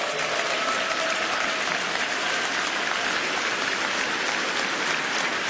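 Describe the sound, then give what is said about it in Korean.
Sustained applause from a large audience at a FEBC Korea 70th-anniversary event, offered as thanks and glory to God, a dense, steady wash of clapping hands that holds at an even loudness throughout, with no voices rising above it. “하나님께서 이 나라를 얼마나 사랑하시기에, 또 극동방송을 얼마나 사랑하시고 또 얼마나 사용하길 원하시기에 이렇게 70년 동안 이어오셨는지, 우리 다시 한번 하나님께 감사와 영광의 박수를 올려드렸으면 좋겠습니다.”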